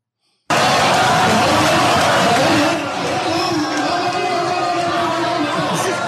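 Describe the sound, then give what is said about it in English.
A large crowd at a politician's town hall boos loudly, starting as a dense roar of jeering that eases after a few seconds into sustained, overlapping boos and shouting voices. “This is a crowd that went to see him at a town hall.”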